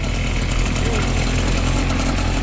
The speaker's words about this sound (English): I pulled the starting cord so he can, so the motor starts working. And he can do his thing, spray the concrete.